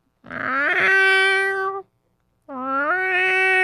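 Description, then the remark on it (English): Two long, drawn-out meows from a person imitating a cat into a microphone, loud, each with a rising then falling pitch, separated by a brief pause. “This whole thing is actually just one big excuse so that I can meow. I can do my realistic meow on mic.”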